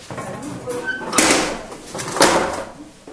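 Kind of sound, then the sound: machine, furnace doors being closed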